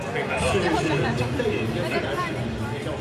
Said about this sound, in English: Inside a bustling Beijing stadium